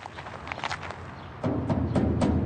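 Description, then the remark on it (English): Several knocks on the heavy metal gate of a compound with high walls, a soft uneven run of taps followed by four louder, evenly spaced bangs, with no voices. “We knock on the heavy metal gate and enter a compound, high walls on all sides.”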